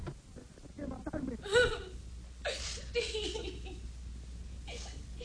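A child sobs and cries in short, uneven bursts, muffled and somewhat distant, as if coming from another room, with a few sharper wails breaking through.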